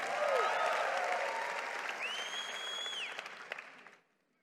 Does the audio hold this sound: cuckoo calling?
no